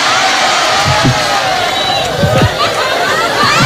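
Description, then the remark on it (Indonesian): An audience in Kebumen fills the space with dense, steady clapping and cheering, a loud continuous wash of noise with scattered voices mixed in throughout. “Melu tepuk tangan.”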